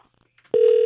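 Telephone ringback tone from an outgoing call placed during a radio program to a listener's brother-in-law in Tongyeong, South Gyeongsang Province: a steady electronic beep begins abruptly about halfway through and holds at constant loudness to the end, clear, with no one talking.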